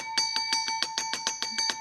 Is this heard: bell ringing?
yes